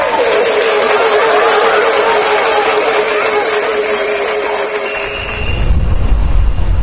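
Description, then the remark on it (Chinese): An audience outside cheers and applauds a sung performance of the role Mu Guiying and calls for an encore, in a dense, continuous roar of clapping and shouting that holds steady throughout, with a deeper rumbling swell in the last couple of seconds. “你听听外边的喝彩声”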